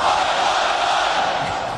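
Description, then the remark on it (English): A large crowd shouts a loud, sustained Australian cheer ('Aussie, Aussie, Aussie') in unison, prompted by former US President Barack Obama, a dense roar of many voices holding steady at full volume for the whole moment. “Well, I know that you all have a great Australian cheer. I want to hear it.”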